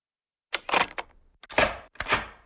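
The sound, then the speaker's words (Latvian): A key turns in a door lock with three crisp metallic clicks and rattles against silence, with brief pauses between the bursts. “Atslēga, noklikšķ, paklausīgi, kā vienmēr.”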